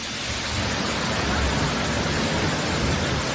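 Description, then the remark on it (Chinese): A steady, dense rush of falling water from Taoran Lake Waterfall, the first-tier waterfall on a mountain stream, a loud continuous roar with no pauses and no voices. “体验了一把在山涧飞瀑之下”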